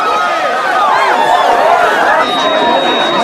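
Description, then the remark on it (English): A dense crowd of party guests surges in, pushing a man backwards, with loud overlapping chatter and excited voices, a busy hubbub that stays steady throughout. “The crowd of people rush in,”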